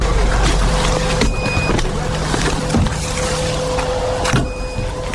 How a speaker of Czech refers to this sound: Pípání detektoru signalizuje, že v našem okolí se pohybují drony. Jsme v Druškivce, ve čtvrti rodinných domků, na kopci nad městem.